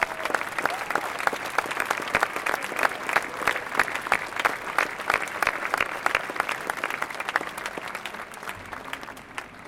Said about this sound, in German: Diesen Einsatzkräften gilt mein und unser aller Dank. Sie haben sich jetzt einen riesen Beifall redlich verdient.